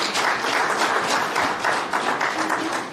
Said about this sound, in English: Please clap hands for Director Shapumba.